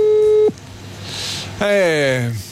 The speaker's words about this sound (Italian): Vediamo se risponde, perché è al mare. Vediamo, Poi è in spiaggia, chissà che voglia che ha di rispondere al telefono. Ecco, magari si sta facendo il bagno, manco ci risponde.